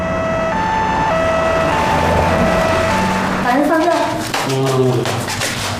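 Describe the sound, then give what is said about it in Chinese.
A two-tone ambulance siren wails in a steady hi-lo alternation, loud, for several seconds before voices break in over the tail of the sound. “哎，别套车了，叫救护车。”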